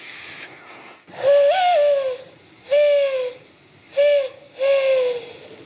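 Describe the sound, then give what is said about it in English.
A breathy, hollow imitation of a mourning dove coo, made by a woman blowing into her cupped hands: one longer rising note followed by three shorter hoots with pauses between, fairly loud, with no talking. “learned to coo like a dove by blowing into her cupped hands.”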